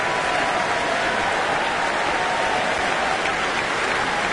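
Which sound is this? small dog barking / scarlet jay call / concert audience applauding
concert audience applauding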